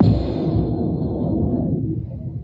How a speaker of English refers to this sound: And that was from the storm that rolled through the Collingwood-Wasaga Beach area just before 4:30 a.m., accompanied by strobe-like lightning.